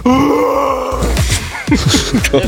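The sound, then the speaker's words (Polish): A person lets out a loud, sustained roar-like groan for about a second, followed by a series of short, rhythmic grunting bursts. “to jest mój ryk”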